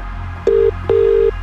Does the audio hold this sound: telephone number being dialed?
yes